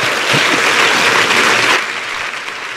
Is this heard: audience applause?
yes